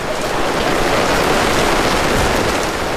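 Steady rain pours down in a dense, even, loud hiss, with a continuous pattering texture that never lets up and no voices over it.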